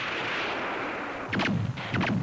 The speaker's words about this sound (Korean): 문득 총소리가 멎었다. 기관총 소리도 멎었다.